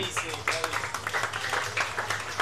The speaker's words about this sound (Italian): e accompagniamolo con un grande applauso.